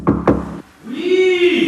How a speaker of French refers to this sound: On y va, on frappe à la porte.